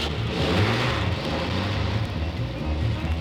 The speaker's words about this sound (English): And as the truck started down the old narrow dirt road, suddenly right in front of it appeared a horrible sight.